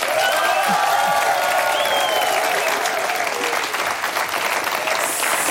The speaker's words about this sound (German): Herzlich willkommen hier in der Live-Stage. Mal einen grossen Applaus.